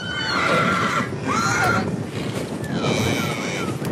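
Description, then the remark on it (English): Horses whinny a couple of times in a small yard at a camp drafting clinic in Topar, far west New South Wales, as riders move cattle; their calls rise over steady wind and rumbling ground noise, with faint hoof clops. “In the small community of Topar, amongst the red dirt and flies, horse riders and spectators watch intently as cattle are moved around a small yard.”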